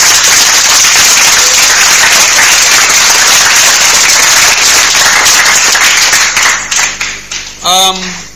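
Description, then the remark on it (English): A loud, dense round of applause from a group after a correct answer in a maths quiz, steady for several seconds before tapering into scattered claps, with a brief voice or cheer at the very end. “A round of applause.”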